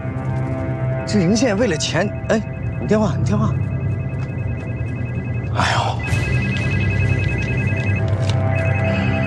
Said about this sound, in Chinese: 哎，你电话，你电话。